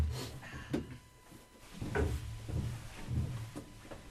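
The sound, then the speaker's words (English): A heavy door held by four big latches is worked open: a few sharp metallic clunks and knocks of latches at irregular intervals over a low scraping rumble, with no one speaking. “So these big latches here, four of them, hold the door from being pulled out. So let's go on in.”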